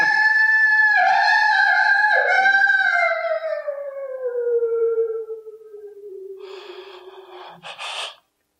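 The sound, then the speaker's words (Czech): A single long, wavering wolf howl that starts high and slowly slides downward over several seconds, loud, ending with a few breathy, snorting huffs. “To byl vlk, co?”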